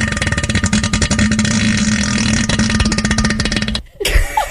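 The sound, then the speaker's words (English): A person blows a long, loud, buzzy raspberry imitating a deep, bassy fart, sustained for nearly four seconds before cutting off abruptly, followed by a brief breathy noise. “I had one of them really loud farts, and we know what toilet bowls do.”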